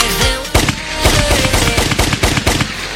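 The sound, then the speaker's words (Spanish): Rapid bursts of gunfire crackle in a dense, loud barrage, with sharp repeated shots spaced irregularly over a few seconds and no voices. “Anda haciendo disparos acá.”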